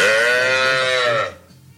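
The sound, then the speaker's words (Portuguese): A cow moos once, loud: a single sustained, bellowing call lasting just over a second before cutting off into near silence. “O boi!”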